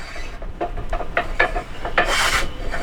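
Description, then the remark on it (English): A hand saw rasps through wood in a series of short, uneven strokes, ending with one longer, louder pull, over a low steady background rumble, as older men saw wood at the back of a center building where they build tables, planters, chairs and computer stands. “When you arrive, the sound of men chatting and sawing wood will likely be coming from the back of the building.”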